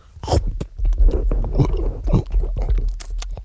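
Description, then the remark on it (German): Wet chewing and biting on tough, rubbery edible underwear, with repeated effortful chomps and smacking mouth noises in an uneven rhythm, no talking. “Sehr zäh. Ja, nun. Ja, und man kann gar nicht richtig abbeißen irgendwie und...”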